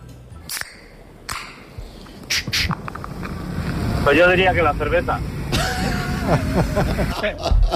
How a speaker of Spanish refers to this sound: A ver, es buena, es la lata de cerveza. Es la lata de cerveza, sí, sí.